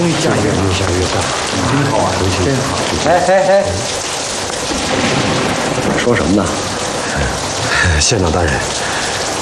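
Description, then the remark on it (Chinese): Heavy rain pours down in a dense, steady roar that keeps getting heavier, with muffled voices rising through it at moments; the downpour stays loud throughout. “哎呀，终于下雨了，越下越大，真好啊，这天！”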